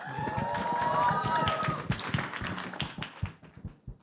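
A crowd claps steadily in a dense patter while high cheers and whoops ring out over the first half, then the applause thins into scattered claps as it fades.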